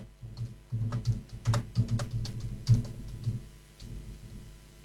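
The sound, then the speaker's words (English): A quick, uneven run of small tapping clicks, like someone typing out a text message, with bursts of several taps and brief pauses between them. No one speaks. “Let me just text this.”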